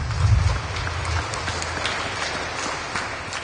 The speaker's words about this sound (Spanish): ofrenda de palmas al Santo Evangelio.